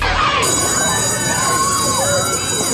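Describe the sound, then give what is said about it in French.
A school bell, evoking the return to school playgrounds, rings continuously and stridently on a Brussels morning radio show, a loud, steady metallic clatter with bright high overtones that holds unbroken for the whole few seconds. “Ce petit stridon qui crisse un peu dans vos oreilles. Vous le reconnaissez, certains sont ravis de retrouver des cours de récréation, les professeurs, les élèves, les copains, les meilleurs potes, tout ça.”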